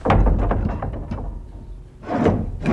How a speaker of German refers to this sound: So, jetzt gehen wir in die Kapelle hinein. Wir öffnen die Tür.